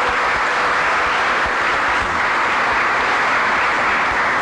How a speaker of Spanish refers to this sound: Le damos un aplauso a estos hermanos, ¿verdad? El día del migrante.